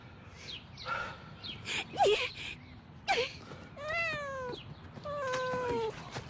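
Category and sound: animal, cat meowing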